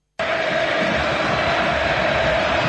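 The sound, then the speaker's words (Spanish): A huge stadium crowd at the Nuevo Gasómetro erupts into a loud, sustained roar of cheering and applause welcoming coach Rubén Insúa, a dense wall of sound that starts abruptly and holds steady without letting up. “El primer equipo titular de Russo y una gigante ovación para Rubén Insúa.”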